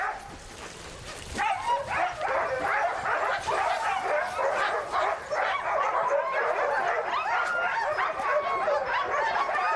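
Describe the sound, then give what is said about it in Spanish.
A pack of sled dogs barks, yelps and whimpers in a loud, overlapping chorus that starts after a quieter second or so and continues without pause, excited. “Todavía no tengo mis propios perros de tiro. La mitad de los perros son de mi padre, la otra de mi madre.”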